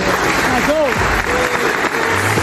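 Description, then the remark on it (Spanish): A crowd applauds steadily during Armani's farewell, a dense wash of clapping that stays loud throughout, with faint voices and cheers rising briefly through it. “Pero no olvidemos una persona fundamental también, que quiero que le dé un aplauso muy, muy grande.”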